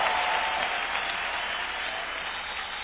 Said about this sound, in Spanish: aplauso, Señor, fuerte. Aleluya.